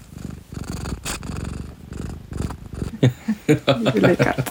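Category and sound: animal, cat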